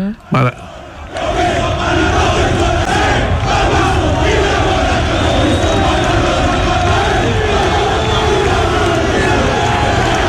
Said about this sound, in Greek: Είναι όταν πήγε στην Νάπολη εδώ που φωνάζουν οι άνθρωποι εκεί Μαραντόνα και έκανε τσαλιμάκια στο γήπεδο, τεράστιος παίχτης.